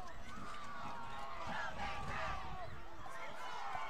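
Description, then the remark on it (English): A large stadium crowd at a football game at Bob Tisdale Field roars steadily, a dense wash of many voices cheering and shouting together, loud and sustained for the whole stretch with swells of excitement rising within it, on a third down with about two minutes left. “Crowd getting loud here at Bob Tisdale Field.”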